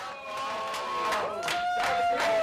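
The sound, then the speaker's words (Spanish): A group of Manchester City teammates applauds and cheers in their dressing room as a player arrives with a newly cut short hairstyle, with scattered claps over a steady wash of voices and sustained, high-pitched whooping shouts that rise and fall. “Lo aplauden y todo y se sorprenden a ver que ya no es el vikingo pelucón.”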